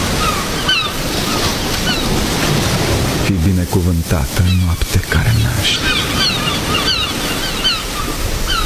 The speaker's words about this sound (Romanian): Începe furtuna afară.